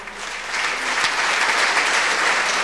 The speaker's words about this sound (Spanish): Buenas noches, hermanos y hermanas. Démosle fuertes aplausos al Señor.